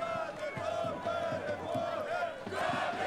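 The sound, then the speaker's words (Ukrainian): A local football crowd cheers and chants in support of the Kamianets team during a match, a steady, loud roar of many voices with a rhythmic, repeating chant pulsing through it for the whole stretch. “Поки що кам'янчани, яких, як ви чуєте, підтримує місцева публіка, без м'яча проводять цей поєдинок”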